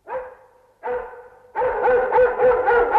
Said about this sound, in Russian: А, так вас облаяли. Ну что ж, это и с нами случалось. А собака у нас была хорошая, породистая,